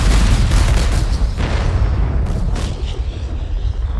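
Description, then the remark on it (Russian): Heavy booming volleys of an artillery salute fired in Moscow in honour of Ivan Konev's troops, several loud blasts in quick irregular succession over a continuous deep rumble, powerful, with no voices. “И уже совсем скоро в Москве прогремит салют в честь войск Ивана Конева”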